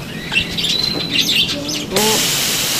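Parakeets chirp and twitter in a busy aviary, high bright calls overlapping for a couple of seconds before a loud steady hiss of water sprayed to give the parakeets a shower takes over and masks them.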